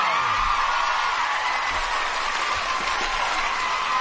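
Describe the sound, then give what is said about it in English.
A studio crowd cheers and applauds loudly and steadily for about four seconds, a dense wash of clapping with scattered whoops rising above it. “Show Studio Crowd!”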